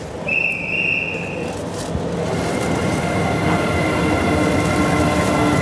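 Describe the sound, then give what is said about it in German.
An electric locomotive slowly pulls the D300 night express train away from Berlin Gesundbrunnen station into the darkness, bound for Copenhagen, Malmö and Stockholm, with a steady rumble of wheels and carriages, a brief high-pitched squeal near the start, and no voices. “Langsam zieht die E-Lok den Nachtschnellzug D300 in die Dunkelheit.”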